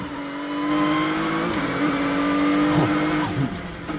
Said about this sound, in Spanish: Pero si podemos poner un poco de sonido de esta vuelta del GT Mark IV, porque tenemos un motor naftero puro, sin asistencia eléctrica.